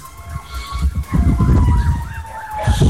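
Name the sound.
fire truck siren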